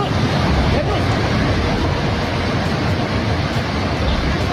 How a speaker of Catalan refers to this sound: per exemple, de Rasuwa, que és a la província de Bagmati, que fa frontera amb la Xina i el Tíbet, capten com de cop i volta una onada gegant de fang i d'aigua s'emporta edificis, arbres, cases, ponts, tot el que troba al seu pas, també persones.